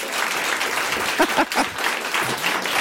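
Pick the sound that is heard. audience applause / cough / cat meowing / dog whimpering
audience applause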